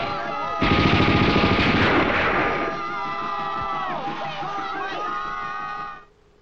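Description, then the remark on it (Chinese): A loud burst of rapid gunfire crackles for a couple of seconds amid shouting voices calling for help and for shots at Japanese soldiers stealing landmines, then the shots fade while the agitated yelling carries on until it cuts off. “鬼子偷雷喽！快来人呐！放枪！”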